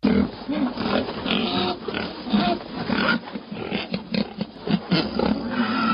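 A herd of white pigs being raised on a farm grunts and snorts continuously, many overlapping calls forming a loud, dense, rough chorus with occasional sharper squeals.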